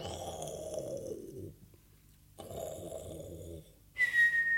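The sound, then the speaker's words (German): A voice imitates snoring with two long, rumbling snores separated by a short pause, followed by a high, steady whistle at the end. “Hier schlafen noch alle und schnarchen.”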